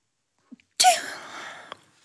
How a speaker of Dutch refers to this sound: Ja. Het is ook de eerste keer dat er iemand niest tijdens de zandloper, maar... Ach, kijk, ja. Het is oké.